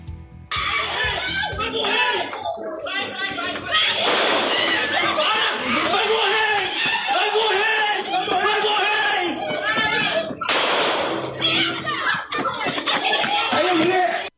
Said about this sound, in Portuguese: As imagens mostram um homem correndo e sendo perseguido pelos policiais que chegam a gritar "Vai morrer!". No vídeo ainda é possível ouvir disparos.